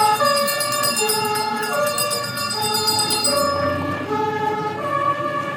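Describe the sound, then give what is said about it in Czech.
The siren of a 1929 Praga (Pragovka) vintage fire engine, 3824 cc, 40 hp, about 2.5 tonnes, wails loudly at a vintage vehicle rally, alternating between two pitches, with a rapid clanging bell in the first half and engine rumble underneath. “Pozornost milovníků veteránů získal i tento hasičský vůz.”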